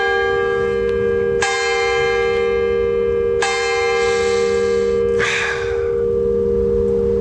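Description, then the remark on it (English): Church bells ring loudly, struck about every two seconds, each clang blooming into a long, shimmering hum that overlaps the next, with no voices present. “This is so awesome that the bells are going off right now.”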